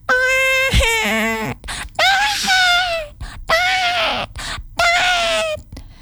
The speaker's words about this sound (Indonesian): Maka gajah-gajah itu pun dicambuk oleh para penunggangnya. Cambuk! Ceter! Cambuk! Ceter! Ceter! Terdengar bunyi suara cambuk bergantian dan dicingkahi oleh suara teriakan gajah yang kesakitan.